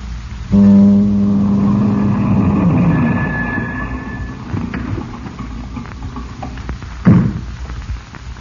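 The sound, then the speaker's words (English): A car approaches, its engine humming with a steady, droning tone that fades into a low rumble, followed by a single dull thump near the end. No one speaks. “Then you heard a car approach.”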